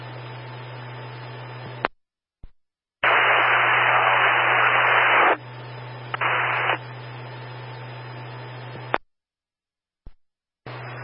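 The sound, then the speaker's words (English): Crackling radio static in several bursts separated by abrupt dead silences, with one loud hissing surge in the middle and a steady low hum underneath; no one speaks. “Can you deny it's all static?”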